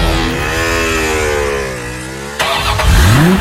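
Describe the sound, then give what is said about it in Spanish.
A car engine hums steadily with a slowly falling pitch, then cuts abruptly and revs up sharply with a rising whine near the end. Fairly loud, with no voices. “¿Te imaginas terminar este año con un Toyota Ray? 0 kilómetros.”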